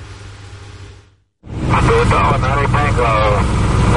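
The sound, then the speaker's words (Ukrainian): A steady, droning military aircraft engine roars loud overhead as parachutists with oxygen supplies and other medical equipment drop from it over the most remote island of Great Britain. After a brief drop to near silence it returns, with a voice talking over the continuous engine noise. “Парашутисти із запасами кисню та іншим медичним обладнанням десантуються із військового літака на найвіддаленішому острові Великої Британії.”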